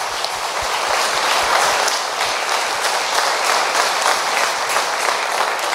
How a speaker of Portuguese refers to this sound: Amém! Palmas para Jesus.